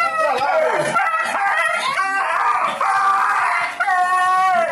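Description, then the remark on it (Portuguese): A dog yelps and howls in distress while a man beats it with a piece of wood, in Pacajá, Pará, Brazil; its high-pitched cries rise and fall almost without pause, loud for several seconds. “O homem agride o cachorro com um pedaço de madeira até a morte.”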